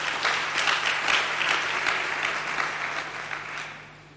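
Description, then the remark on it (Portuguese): A crowd claps steadily for about four seconds in applause for Niassa, Mozambique, a dense patter of many hands at a fairly even level, tapering off slightly at the end. No one speaks over it. “Uma salva de palmas para Niassa.”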